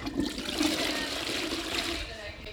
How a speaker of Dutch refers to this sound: Iemand op het toilet of gaan we dat gewoon doortrekken en de uitzending is gedaan?